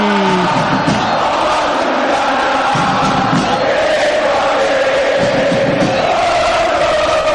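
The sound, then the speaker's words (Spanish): A stadium full of San Lorenzo football fans chants in unison during a match against Deportivo Riestra, a dense, loud roar of many voices with a sustained melodic rise and fall running steadily throughout. “El balón afuera del terreno, metan, metan, grita Insúa, y escuchalo a San Lorenzo, escucha el ciclón por Continental.”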